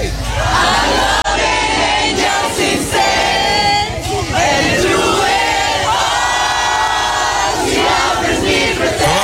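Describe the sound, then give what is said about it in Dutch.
A large crowd of fans sings together loudly in unison on the street outside a called-off concert, voices blending into a sustained, wavering chorus with cheering and shouts mixed in throughout. “Samen zingen op straat.”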